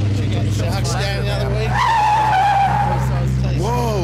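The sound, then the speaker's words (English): Car tires squeal loudly in a long, wavering skid over a steady engine rumble as a car going a couple of kilometres over the speed limit skids at an intersection, with a final short screech at the end; no clear impact is heard. “Gracie was only a couple of k's over when she hit that family's car at the intersection.”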